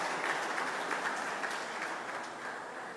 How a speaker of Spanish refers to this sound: Así es que también un aplauso para los expresidentes que están aquí presentes y que hicieron un gran trabajo por la Cruz.